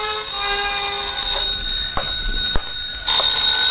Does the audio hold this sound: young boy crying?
no